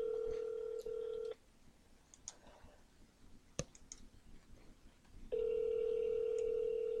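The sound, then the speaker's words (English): A phone call to a co-host of the Niagara Now radio show rings out with long, steady electronic ring tones, two of them separated by a quiet gap holding faint clicks and line noise, fairly loud with no one speaking. “So let me see if I can get Dawson on the phone.”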